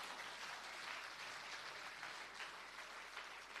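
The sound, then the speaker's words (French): An audience applauds steadily, a dense wash of many hands clapping at once with no break, loud and sustained throughout, no voices standing out above it. “On n'a pas bon Dieu, un applaudissement pour ça, soeur.”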